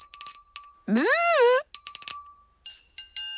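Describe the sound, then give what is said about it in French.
A small bell, the little bell belonging to Toudou the cuddly toy, rings in several short bursts of bright, high, sustained tone, broken midway by a brief wavering, voice-like gliding sound before the tinkling ringing returns. “Il y a une clochette que son copain mouton lui a donnée.”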